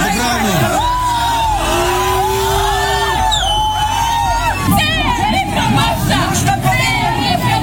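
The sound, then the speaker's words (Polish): A loud, agitated crowd of about 3000 people shouts over one another outdoors on church parish grounds, arguing and scuffling with a bishop whom police help leave; raised voices overlap in a continuous heated clamour with sharp yells breaking through. “Wywiązała się kłótnia i szarpanina, a w opuszczeniu terenu parafii biskupowi musieli pomóc policjanci.”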